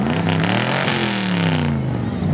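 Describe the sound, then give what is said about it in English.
A car engine revs loudly at a car cruise event in Redhill, its throaty, rumbling drone climbing and dipping in pitch as the throttle is worked, sustained without a break for a couple of seconds. “I am here with Davey with arguably one of the coolest vehicles of the evening”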